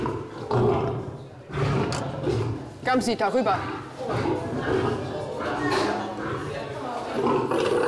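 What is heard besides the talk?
lions roaring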